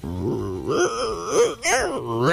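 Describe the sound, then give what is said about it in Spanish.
A person imitates an adult lion's roar with a drawn-out, groaning growl that rises and falls in pitch, broken by one short pause midway, fairly loud throughout. “Claro, está aprendiendo a rugir. ¿Y claro que un león adulto? ¿Cómo sería?”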